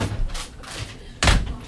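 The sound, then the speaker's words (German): The small door of an automated dispensing machine holding a pack of Decrystol 20,000 is pushed shut with a firm thud near the end, preceded by softer handling knocks and rustles. “So, da machen wir jetzt die Tür wieder zu.”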